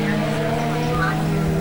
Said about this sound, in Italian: Lasciamo parlare anche le immagini, il suono del motore.